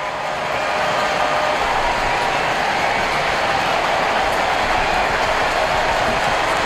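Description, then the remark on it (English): A baseball stadium crowd rises, cheering and clapping in support of pitcher Sale in the fifth inning of a game against the Dodgers. The dense, steady roar holds at the same loud level for several seconds, with no voices speaking over it. “Crowd doing their part, rising in support of Sale.”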